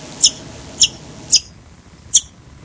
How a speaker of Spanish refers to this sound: Hoy les voy a hablar sobre el chinchero grande. El chinchero grande es una ave endémica de Sudamérica. Es decir, lo podemos encontrar solamente en este continente.